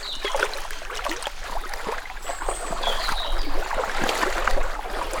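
Steady rushing and splashing of river water around a small boat, continuous, with faint bird chirps high above the flow.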